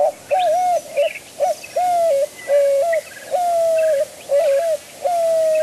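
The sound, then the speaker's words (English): A dove coos loudly, repeating short hooting phrases in a steady, rolling rhythm, with faint chirps of other birds in the background and no talking. “The cacti provide doves with a crucial source of water in the driest part of the Sonoran summer.”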